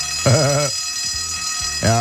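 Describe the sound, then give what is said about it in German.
A school bell in the Vogtland rings for the last time before the school holidays, continuously with a steady, shrill electric tone, while people talk over it in short bursts. “Jawohl, nochmal die Glocke. Zum letzten Mal.”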